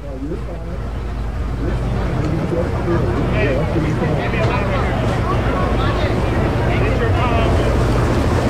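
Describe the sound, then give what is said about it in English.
A helicopter's rotor blades drone loudly and steadily as it comes into a stadium, a deep throbbing hum with rushing wind noise, growing slightly stronger as it approaches, with indistinct voices in the background. “You can hear the blades of the chopper as it comes into the stadium.”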